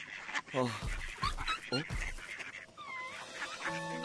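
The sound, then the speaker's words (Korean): A mother duck, keeping her chick warm, quacks several times in short, fairly loud nasal bursts, then thin, high-pitched peeping chirps from the chick follow in quick succession. “엄마 오리가 병아리를 따뜻하게 품어주고 있었어.”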